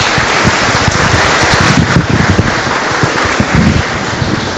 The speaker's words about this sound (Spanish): Felicitamos al Cuerpo de Bomberos, les agradecemos a ellos por su ayuda en nuestra comunidad. Que Dios los bendiga y los acompañe siempre. Démosles un fuerte aplauso y Dios les pague a ellos.